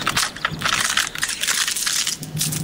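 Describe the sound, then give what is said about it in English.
A crunchy dry autumn leaf crunches and crackles as it is stepped on, a steady, bright rustling burst that lasts a few seconds, with sharp crispy snaps layered throughout and no voices. “Wait, don't step on that one. Why? I was saving it for the big crunch.”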